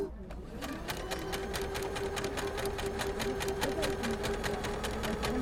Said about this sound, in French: Il y a des machines. Donc ça, c'est des bobines de fil. Il y a 2 fils sur les machines à coudre. Il y a la canette, donc c'est le petit fil comme ça, et il y a la bobine.